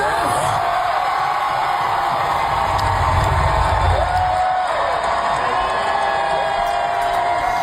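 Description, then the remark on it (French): A large crowd at Comic-Con in San Diego cheers and whoops continuously in a standing ovation as actor Rick Moranis is introduced, a loud, dense roar of many voices with shrill shouts rising above it throughout, sustained without a break. “voici la réaction de la foule lorsqu'on présente cet invité.”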